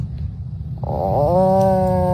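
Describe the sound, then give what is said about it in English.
A boy imitates an Atlantic puffin call: a low, rough rumbling growl that shifts into a sustained, buzzing, slightly rising drone, fairly loud, with no talking. “That's what a puffin sounds like.”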